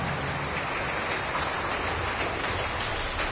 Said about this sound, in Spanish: Demos palmas a Cristo Jesús, queridos hermanos.